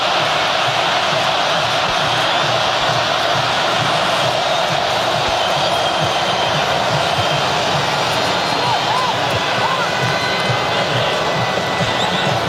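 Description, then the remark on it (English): A huge stadium crowd of Colombian football fans in Mexico City roars and chants without pause, a loud, dense wall of voices holding steady for the whole stretch, with a few brief rising whistle-like tones partway through. “There's 30,000 Colombians that actually live in the area of Mexico City, and a lot of them have traveled. Listen to that.”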